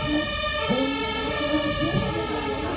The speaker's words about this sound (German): Einen Moment, ich warte mal eben die Sirene ab.